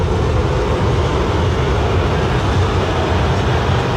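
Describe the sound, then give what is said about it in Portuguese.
A large stadium crowd boos loudly as Grêmio loses at home in its arena, a dense, unbroken roar of many voices that holds steady for the full four seconds with no distinct individual calls. “e a situação do Grêmio não é legal, é ruim, o Grêmio perde na arena, e o som é esse.”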